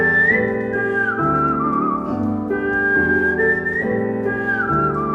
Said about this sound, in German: Es gibt sogar einen Weltmeister im Pfeifen, bei dem das so klingt.